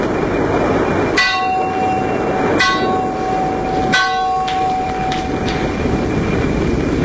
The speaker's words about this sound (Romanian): O ceață groasă se pogorâse deasupra mării, încât nu mai vedeai nici la 10 pași înainte. Sunetul clopotului mare de pe catarg răzbătea din când în când prin valurile de ceață.